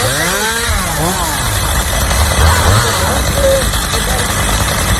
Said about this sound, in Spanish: Son las motosierras del Infoca en Minas de Río Tinto.